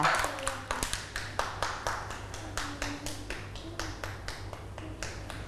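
A small group of children claps their hands in applause, a quick, slightly uneven run of sharp claps that carries on steadily for several seconds at moderate loudness.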